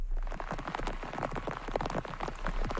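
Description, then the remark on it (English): Dense, steady downpour of heavy rain along Japan's western coast, which has triggered flash flooding, with a constant patter of drops splashing on surfaces, moderately loud, with no voices. “Heavy rain along the western coast has triggered flash flooding.”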